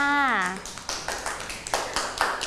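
A short vocal sound opens, then a group of children claps their hands for a child who has recovered from being sick, in a loose, uneven patter of moderately loud claps that continues to the end.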